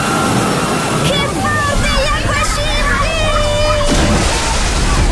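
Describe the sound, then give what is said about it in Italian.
A wave rolls through the wave pool of a thermal water park in Caldiero, Verona, Italy, and crashes with a broad, loud sloshing roar, while excited voices and shrieks of people in the water rise over the churning splash. “Il divertimento della piscina d'onde. Ne arriva un altro!”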